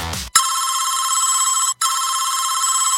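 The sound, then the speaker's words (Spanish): A telephone rings in a long, steady electronic trill, pausing briefly once before ringing on again, loud, with nobody picking up and no voices present. “Carol no contesta, me pichó.”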